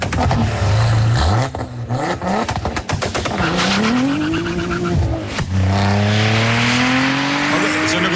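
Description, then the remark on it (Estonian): An Audi RS4 B5 engine revs hard, its loud tone climbing and dropping through several sharp surges before settling into a sustained rising drone. No one speaks. “See võib olla küll nüüd Audi Quattro moodi või midagi. See on Audi RS 4 B5.”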